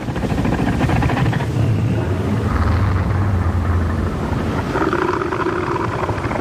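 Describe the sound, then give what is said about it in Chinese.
A male northern elephant seal gives a threat roar warning other males to keep their distance: a deep, loud, rumbling roar repeating in pulsing bursts, continuous, with a throaty throbbing quality and some higher tonal overtones. “最好的防御方式是避免发生打斗，所以雄性北象海豹会用具有威慑力的叫声警告其他雄性保持距离，划分出自己的领地。”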